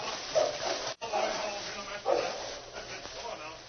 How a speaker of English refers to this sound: Stop him! Stop that dog!